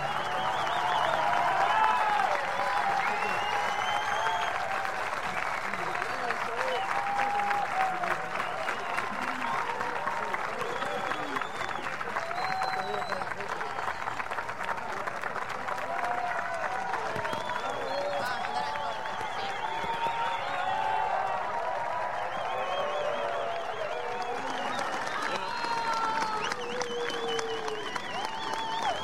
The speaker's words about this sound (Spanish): Bueno, impresionante ovación. Impresionante ovación, una maravilla, los vecinos, las autoridades llenos de músicos. Es un encuentro realmente histórico, piel erizada.